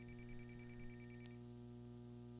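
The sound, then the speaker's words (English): A telephone ringing tone heard over a call line, a quick warbling pulse repeating for about a second before cutting off with a click, leaving a steady low hum. “Pick up that phone.”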